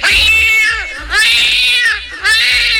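A cat yowls loudly, three drawn-out, wavering meows in quick succession with brief gaps between them, and no one speaking.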